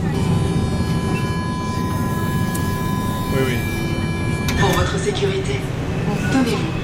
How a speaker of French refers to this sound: Alors, on rentre dans le métro, direction, on s'arrête où? À Ouchy. Ah, là, Ouchy, ouais.